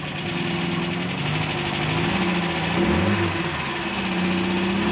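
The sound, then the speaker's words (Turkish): The engine of a simple, basic classic car runs steadily at a rough, rumbling idle, with a brief swell in revs partway through before settling back. It is loud and continuous, and no one speaks. “Sesi kulağa güzel sevimli geliyor. Bir motor.”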